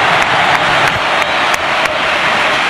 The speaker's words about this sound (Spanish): Dani Ceballos se marcha, el dorsal número 22 se marcha, el mago está al gol y entra el genio Dani Ceballos al campo. Ovación tremenda cerca de la cartuja.